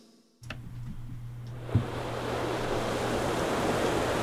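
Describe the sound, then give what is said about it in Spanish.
Ocean waves wash against the shore in a steady, hissing roar that swells gradually, with a faint low rumble underneath and one brief thump partway through. No one speaks. “El sonido de las olas, una brisa fresca, un lugar donde el tiempo corre diferente.”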